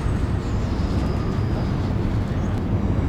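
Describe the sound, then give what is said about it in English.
A steady, heavy rumble of a train rolling past Crossbones Graveyard by London Bridge station in Southwark, London, with a thin, faint metallic squeal riding above it for a moment before fading back into the constant roar. “The graveyard bisects the Southwark and London Bridge station, and every several minutes I can hear the screech of the trains going past.”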